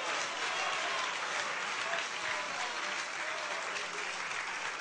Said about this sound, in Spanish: ¿Cuántos alaban al Señor? Fuerte ese aplauso si es para Él.